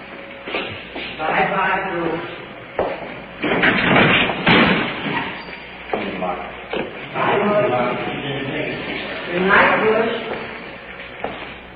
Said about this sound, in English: Headed to the cell block for the prisoner. Jailer's opening the door for us. Prisoner's placed in the cell. Secure.